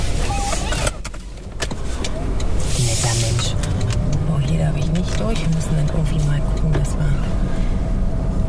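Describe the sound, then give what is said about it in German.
A black car with a purple city-skyline design and G-Cars lettering slowly turns around at a construction site to take a different route, its engine humming with pitch rising and holding steady, with a brief electric whir and muffled voices in the cabin. “muss ihr Auto wenden und eine andere Route nehmen.”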